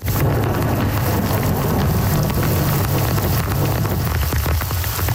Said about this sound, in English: A powerful summer storm has left parts of Montreal underwater.